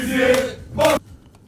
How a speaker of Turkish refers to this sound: Ve orada da bu tezahüratlarla karşılanıyordu. 12 yıl oldu bu kadarı kafi, şampiyon yap bizi başkan Hakan Safi diyorlardı. Bu kadarı yeter diyorlardı Hakan Safi o çalışmaları yaptığında.